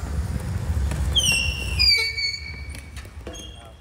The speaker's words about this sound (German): Mit quietschenden Reifen fahren die Spieler mit den elektrischen Rollstühlen über das Spielfeld.